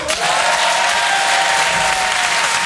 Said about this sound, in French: Et dans un sketch, à quel moment il applaudit le public ?